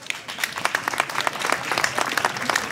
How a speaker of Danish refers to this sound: Kære publikum, giv dem alle sammen en hånd.